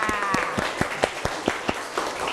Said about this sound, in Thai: ขอเสียงปรบมือให้นักเรียนชายหน่อยค่ะ